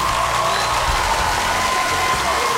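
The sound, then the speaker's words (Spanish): Loud, dense applause for a 23rd birthday fills the whole stretch, a steady wash of clapping with a few faint cheers mixed in. “¡Fuerte los aplausos!”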